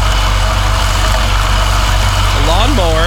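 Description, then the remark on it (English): A gas lawnmower engine, a neighbour cutting his grass at 8 a.m., runs at a steady, low, buzzing drone that stays loud and even throughout, with a voice briefly starting to speak over it near the end. “And that's a gas lawnmower, of course.”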